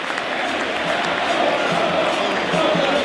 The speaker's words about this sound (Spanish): El hincha de Vélez se dio cuenta que tenía que empujar al equipo cuando Tigre, con astucia, escuchen el aplauso porque vale la pena.